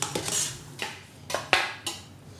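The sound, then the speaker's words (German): Dishes and cutlery clatter as vegetables are dished out for lunch in a daycare (Kita) kitchen, a quick, irregular series of sharp clinks and knocks, about half a dozen bright metallic-ceramic hits at moderate volume with no voices. “So, du darfst Gemüse schon mal abfüllen.”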